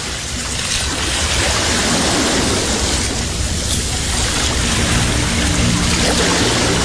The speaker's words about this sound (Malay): Malam masih terus menyelubungi pantai. Ombak masih setia memukul pesisir.